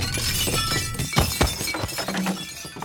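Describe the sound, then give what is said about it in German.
Glasses shatter and clink in a dense, crashing burst, with sharp impacts standing out amid a continuous jangle of breaking pieces, loud, with no voices. “Eine kleine Ewigkeit hörte er Gläser klirren, Stühle rücken, Stimmen aufgeregte und ruhige.”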